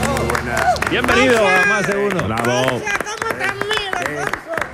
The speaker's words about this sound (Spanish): Yo estoy de palmero aquí. Sí, verdad, como aplaude, ¿eh? Aplaude con nota. Y luego solo con dos manos.